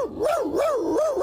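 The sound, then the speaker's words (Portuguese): A dog, Max, who played the lead in the TV series Inspector Max, answers in a studio with a continuous, warbling yowl whose pitch rises and falls several times over about a second, fairly loud, with no one talking. “O Max acaba de dizer que esse tal podengo fez só um filme, enquanto ele fez 7 temporadas da série que repete há 30 anos na TVI.”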